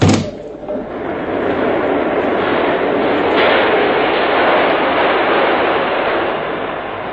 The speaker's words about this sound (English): The train. Push open the window.